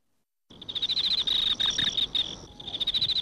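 Crickets chirp close by in loud, rapid pulsed trills that run almost continuously after a brief silence, with only short pauses between bursts.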